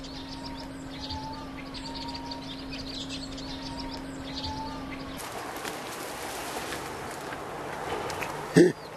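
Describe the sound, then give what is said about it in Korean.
Vinous-throated parrotbills, small birds about 13 cm long, give quick, high twittering calls from a nest inside a dense reed bed, over a low steady hum. Midway a broad rustling wash rises over them, ending with a brief sharp knock. “새의 소리를 따라가 보니 빼곡한 갈대 동굴 안에 둥지가 있습니다.”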